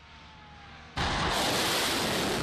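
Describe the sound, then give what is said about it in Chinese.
Air defense fire on Qeshm Island in southern Iran erupts abruptly in the evening after a second of low background hum, becoming a loud, sustained, rumbling roar that continues unbroken to the end, as the air defense system shoots down a drone. “伊朗媒体报道，南部格什姆岛的防空系统当地时间3日傍晚2度启动，岛上多处可听到相关声响。”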